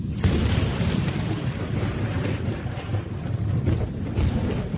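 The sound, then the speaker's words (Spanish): A loud, continuous storm on a terrible night in open wasteland, with deep rolling thunder rumbling steadily over a dense wash of rain, filling the whole stretch without any pause or voices. “Descampado, sin más techo que una espantosa tormenta, el conde de Kent se encuentra con uno de los caballeros del séquito del rey.”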